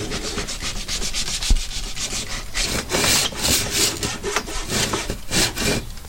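A hand saw rasps steadily through wood in repeated back-and-forth strokes along a marked cutting line, each pass a bright, gritty scrape, with no voices.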